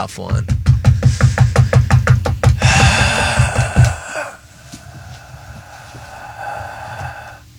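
A rapid run of about fifteen loud knocks as a person knocks on something like a gavel in a fast steady rhythm, swelling into a dense clattering burst before fading into quieter background murmur.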